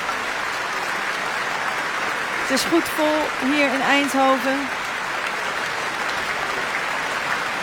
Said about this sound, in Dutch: Hij buigt met zijn cello in de hand, Liaf Kerwel. De cellist die het celloconcert van Elgar live speelde hier vanavond. In het muziekgebouw in Eindhoven, samen met Viel Zuid. Onder leiding van Emilia Hoving. Hij neemt het applaus in ontvangst.